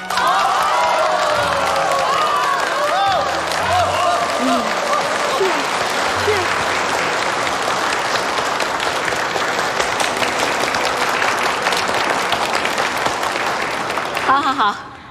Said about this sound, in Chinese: 下面我们用最热烈的掌声欢迎他们二位新人上台。